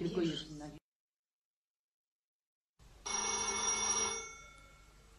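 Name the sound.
telephone ringing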